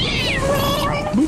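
A cat lets out a drawn-out, fairly loud meow that wavers in pitch and ends with a short rising chirp, with no talking.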